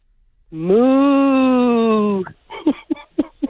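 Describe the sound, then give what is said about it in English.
A contest winner of the Moo Crew gives their best cow moo: one long, low, droning moo that sags slightly in pitch over nearly two seconds, followed by a few short bursts of voice. “The last thing I need off you, everybody that wins with the Moo Crew has to give me their best cow moo.”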